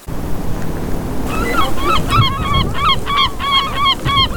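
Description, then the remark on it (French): A flock of gulls that have settled to rest calls repeatedly in overlapping, squealing cries, over a steady low wash of wind and water. “Il y a des mouettes, là, voilà.”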